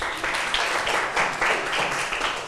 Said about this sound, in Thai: ใครอยากตอบปรบมือให้เพื่อนหน่อยค่ะ